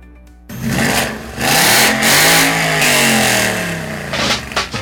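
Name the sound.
car engine revving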